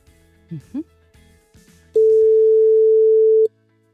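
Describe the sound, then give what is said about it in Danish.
A telephone ringback tone on an outgoing call placed by the Radio 100 morning show to a listener who texted in: a single steady, loud beep lasting about a second and a half, preceded by a few brief, faint voice sounds. “Den ringer. Det er et godt tegn.”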